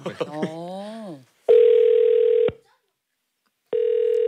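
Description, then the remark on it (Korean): A phone line's ringback tone while a call is being placed: steady, flat electronic beeps, each about a second long with a pause between, heard clearly after a brief burst of voice. “전화 한번 걸어볼까요?”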